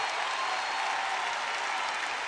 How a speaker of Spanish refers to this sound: ¡Fuerte el aplauso!